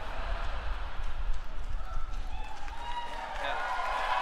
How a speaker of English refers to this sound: Oh yeah, that's like 400 times more applause than it's ever gotten, and you don't even know which song it is.